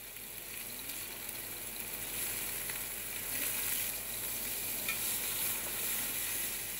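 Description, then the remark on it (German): Thick fillet medallions rubbed with roasted, coarsely chopped pepper, allspice, caraway, coriander and juniper berries sear briefly in hot oil, a steady, dense crackling sizzle that stays fairly loud throughout, with no voices over it. “Kurz anbraten in heißem Öl.”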